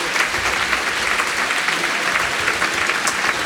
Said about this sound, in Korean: 관객들이 계속해서 박수를 보내고 있습니다.